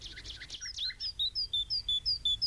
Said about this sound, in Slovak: Vtáčiky, konečne ste prileteli. Dlho mi na vás bolo čakať. Len poďte, poďte. Odkladala som pre vás omrvinky a zrniečka. Jedzte a potom veselo štebotajte, aby aj ľudia boli veselí.